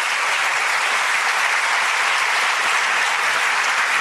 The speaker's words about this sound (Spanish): El que lo crea, dígame un fuerte amén, por favor. Si va a aplaudir a Dios, dele con toda su fuerza, por favor.